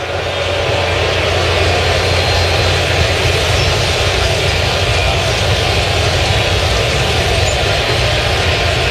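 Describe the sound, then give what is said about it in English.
A low, steady crowd buzz fills a baseball stadium during a Yankees versus Boston game in the bottom of the fifth inning, Yankees leading 1-0. It is a dense, even murmur of many voices with no cheers or distinct words rising out of it, holding at a constant level throughout. “Kind of a nervous silence here at the stadium. You can hear a little bit of a buzz.”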